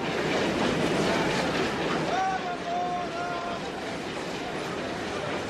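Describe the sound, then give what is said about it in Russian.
A departing train starts moving along the rails with a steady, loud rumbling clatter as a passenger jumps aboard, a brief high metallic squeal rising midway, and indistinct voices faintly mixed under the noise. “обнимает дочерей и сына и запрыгивает в тронувшийся поезд.”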